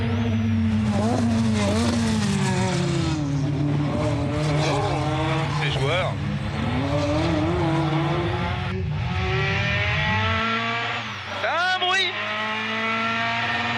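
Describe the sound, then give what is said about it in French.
A rally car with a short gearbox revs hard and accelerates through short gear changes while heating its tires, loud, with a brief tire squeal near the end as it slides slightly sideways under sudden power; a man talks over the engine noise. “On va bien faire chauffer les pneus. Et là, c'est la puissance, elle arrive assez violemment.”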